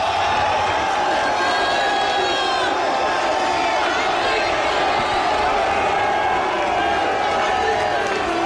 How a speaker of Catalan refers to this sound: Enorme l'ovació que s'ha enduit Martín De Michelis, molt més important que l'altra vegada que va ser el seu primer partit a Espanya, contra l'Espanyol